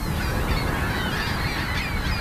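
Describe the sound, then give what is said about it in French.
A flock of gulls calls noisily and continuously as they take flight from a roof, scared off by a pyrotechnic pistol, harsh overlapping cries filling the air over a steady wash of outdoor noise, with no one speaking. “les goélands retournent à leur nid quelques secondes seulement après le déclenchement du pistolet pyrotechnique”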